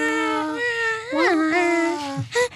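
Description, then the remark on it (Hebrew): A woman's voice imitates a baby's cry, recorded in a studio for a song intro: sustained, wavering wails that bend upward in pitch, fairly loud, ending with a couple of short sobbing bursts. No words are spoken. “אני הקלטתי אותך, עושה, את יכולת מה עשית? יכולה לעשות את זה? פשוט יהיה לילות של תינוק.”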